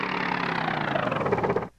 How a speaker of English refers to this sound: Now we'll attach the propellers. Okay, start up the motor again and see if it'll still turn these propellers. Here goes.